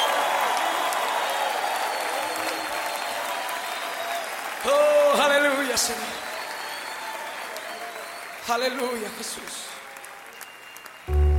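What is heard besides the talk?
audience applauding and cheering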